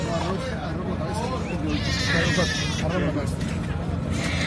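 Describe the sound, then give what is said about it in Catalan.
A nine-month-old baby, rescued after 72 hours buried, cries in high, strained wails that rise and break, heard over a steady murmur of people talking in the background. “Són els crits d'un nadó de 9 mesos que ha estat rescatat després de 72 hores sepultat.”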